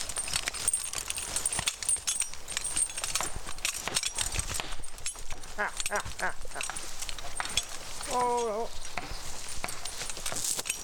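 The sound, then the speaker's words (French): A large work horse's hooves clip-clop steadily on hard ground, with jangling metal and outdoor noise; a brief tonal call rises near the end, and voices are faintly present. “Alors, de là à vraiment travailler, à avoir fini sa croissance, des gros chevaux comme ça, c'est 6-7 ans.”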